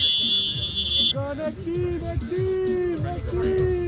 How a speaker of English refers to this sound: That's his phone timer going off. A five-minute match is done. Time to swap out the losing team for a new group of players.